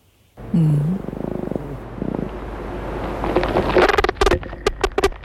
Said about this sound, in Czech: A jenom pozor pro posluchače, zní to trochu jako porucha. Samečci to dělají vibrací křídel a k vydávání toho zvuku mají v mozku unikátní spleť spojů.